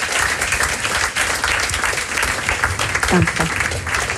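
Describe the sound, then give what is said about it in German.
A crowd applauds steadily and loudly to welcome SRF presenter Jennifer Bosshardt as a guest, a dense wash of clapping that fills the whole moment, with a brief voice poking through near the end. “Und begrüßen doch mit einem herzlichen Applaus das SRF-Aushängeschild und Moderatorin Jennifer Bosshardt.”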